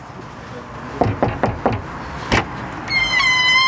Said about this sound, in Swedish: Ett exempel på det är en kvinna som öppnar sin dörr